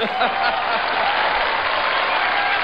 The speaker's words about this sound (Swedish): Applåder och jubel! Lysande.